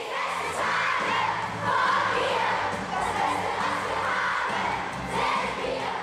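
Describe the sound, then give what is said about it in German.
A crowd of excited children shrieking and shouting all at once before a choir rehearsal, a dense, loud, continuous jumble of high voices with no pauses, chaotic. “Aus aufgeregt kreischenden Kindern wird peu à peu ein disziplinierter Chor.”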